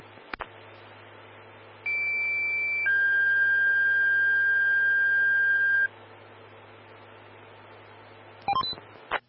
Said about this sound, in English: Stand by for tones on a fire alarm.